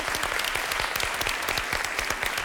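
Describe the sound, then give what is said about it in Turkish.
A crowd claps steadily for a contestant's close guess of the points total in a quiz game, a dense patter of many hands with sharp individual claps popping out, sustained at an even level for the whole stretch with no voices over it. “Yaklaştın, alkış söyleyeceğim.”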